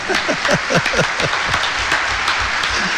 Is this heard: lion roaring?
no